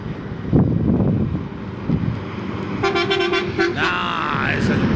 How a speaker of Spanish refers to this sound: Bocina de colectivo